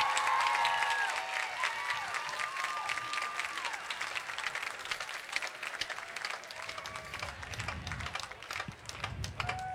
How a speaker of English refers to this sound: How about one more round of applause for your Classical 38 Honor Band?